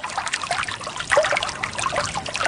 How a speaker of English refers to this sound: He's also recorded the sounds of water running in California, in Morocco, as we're hearing now, and close to Chernobyl in Ukraine.